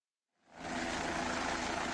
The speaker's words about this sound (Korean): 실종된 우리 국민이 머물렀을 거로 추정되는 곳에서 그리 멀지 않은 네팔 둔체 마을 헬기장. 꼬리 부분에 네팔 국기가 새겨진 국방색 헬기 한 대가 이륙하더니 곧장 산을 향해 날아갑니다.